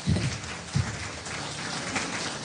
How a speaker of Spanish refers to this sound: Denle un aplauso que vive y permanece por los siglos de los siglos.